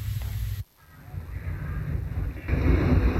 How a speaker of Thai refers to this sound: ก็หนาวอะแบบนั้นเนี่ยเอาคนแก่มาตากลมไม่ไหวแล้วเนี่ยหนาวแล้วตัวจะสั่นก่อนแล้วเนี่ยโทษทำไมมันลมแรงนักหล่ะ